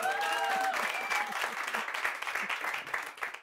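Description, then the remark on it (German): An audience at a comedy show claps in a dense, steady burst of applause to vote for an answer, with a short whoop or cheer rising over it at the start before the clapping thins slightly toward the end. “Wo gab es den meisten Applaus?”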